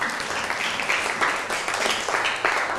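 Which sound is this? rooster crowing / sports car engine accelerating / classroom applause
classroom applause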